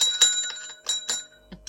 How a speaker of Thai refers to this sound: โอ้โหกระดิ่งก็แย่เลย